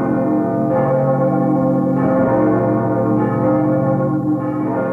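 Loud church bells ring continuously, their rich, humming tones overlapping and swelling with fresh strikes about every second or so, with no voices present.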